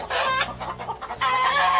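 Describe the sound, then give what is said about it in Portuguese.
Chickens cluck in a busy, overlapping flurry, loud, with short repeated calls piling on each other and a brief dip before a final burst of clucking. “E as galinhas a cacarejarem.”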